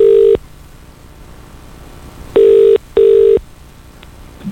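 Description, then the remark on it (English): Telephone ringing tones on the line as a radio show calls the winner of a Skull Harbour Hotel wedding competition: a steady beep, a pause, then a quick double beep, clear and fairly loud with faint background hiss and no voices. “We're going to make the call right now. If it's your phone that's ringing, answer it, please, and answer it quick.”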